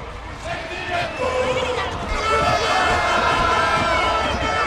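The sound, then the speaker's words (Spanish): A large crowd of Depor football fans cheers and shouts loudly and continuously as they welcome the team bus and the players get off, many overlapping voices forming a dense, roaring wall of chanting that swells slightly toward the end. “Decía, desde mi posición así suena la afición del Depor recibiendo al autobús.”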